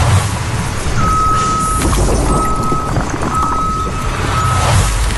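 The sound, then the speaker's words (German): A tow truck's reversing alarm at a towing company sounds four long, steady beeps at an even pace over the loud rumble of an idling diesel engine; no one speaks. “Heute sind wir bei Auto Gräf beim Abschleppdienst.”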